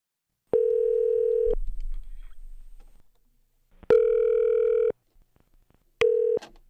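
telephone ringing tone

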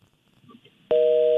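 phone call cut off

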